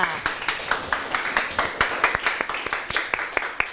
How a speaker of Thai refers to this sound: ปรบมือให้ตัวเองค่ะ